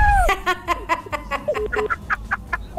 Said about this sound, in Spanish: Y me saluda también al gallito, me da las también las felicitaciones al gallito que ya escuché cómo grita.